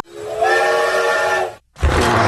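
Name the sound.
steam train whistle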